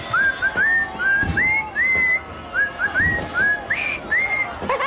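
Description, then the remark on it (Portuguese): A person whistles the Happy Birthday tune alone, a clear melody of short rising notes phrased in a steady, familiar rhythm. “Então vou assobiar os parabéns ao Portugalex.”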